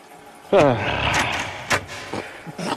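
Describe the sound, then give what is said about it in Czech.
A sudden bright metallic jingle, like a bunch of keys being rattled and fumbled while someone searches for a key, with a short vocal sound at the start and a few sharp clinks afterward. “No, kde je ten zpropadený klíč?”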